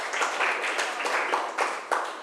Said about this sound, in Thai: โอเคค่ะขอเสียงปรบมือให้ตัวแทนจากกลุ่มที่หนึ่งด้วยนะคะ